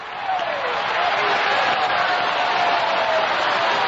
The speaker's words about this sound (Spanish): Sigue aplaudiendo. Una ovación ahí grande para el grande de los grandes, Jesucristo.